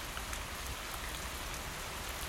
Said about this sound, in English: It's a rainy night here in Sleepy Town. You can hear it, right? The kind of rain that gets into your shutters.